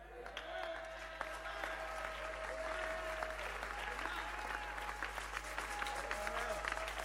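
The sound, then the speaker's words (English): An audience claps steadily throughout, a dense crackle of many hands at a moderate level, with scattered voices and a faint sustained tone underneath. “Those who are clapping, your spirit is coming alive.”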